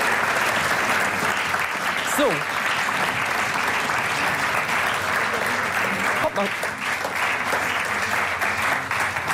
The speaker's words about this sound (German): wir könnt ja noch mal den Applaus proben.